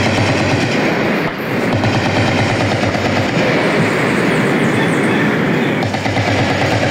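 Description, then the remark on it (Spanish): Loud, sustained bursts of rapid gunfire crackle almost without pause, the dense reports blurring into a harsh, continuous roar, with no voices heard. Heard at 5:58 in the morning during an attack on the army base in the upper part of Inzá, Cauca, Colombia. “Fuertes ráfagas se escuchan a esta hora de la mañana.”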